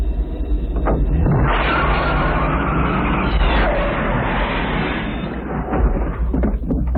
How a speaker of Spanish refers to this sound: Creo hubiera sido conveniente abrir la puerta primero. Sin embargo, como has visto, el auto no ha sufrido ningún daño.